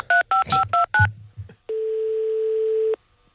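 Five quick telephone keypad tones beep in a steady rhythm as a number set up for reporting police violence is dialed live on the radio show Matin Première, with some soft low thumps after them, followed by a single long, steady ringing tone that lasts over a second.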